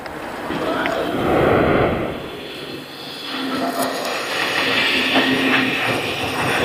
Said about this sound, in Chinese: 哎呦，现在咱们这车站还是很繁忙啊，啊，来回过火车呢。所以你看，娘子关站到现在还在发挥作用。